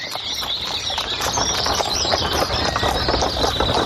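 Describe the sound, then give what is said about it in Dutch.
A farmer's horse and wagon rolls past on farmland with a steady clip-clop of hooves and rattling wheels, while birds chirp continuously in the background. “Terwijl er een boer voorbij komt met paard en wagen.”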